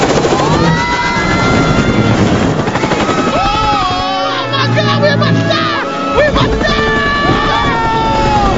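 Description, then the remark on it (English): A helicopter roars loudly, its engine whine swooping up and down erratically as it spins out of control after its propellers cut through the tops of trees, with voices shouting over the din. “The propellers cut through the tops of trees and the helicopter spins out of control.”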